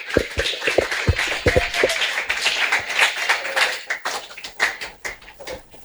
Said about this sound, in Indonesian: Sekali lagi berikan tepuk tangan yang meriah untuk Ibu Dokter.